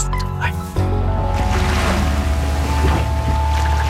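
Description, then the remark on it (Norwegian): A schooner sailing on the sea, with a steady, loud rush of waves and water around the hull and sustained creaking tones from the vessel throughout. “Vi starter med litt hav og båt. Lyder her, en skute som seiler på havet.”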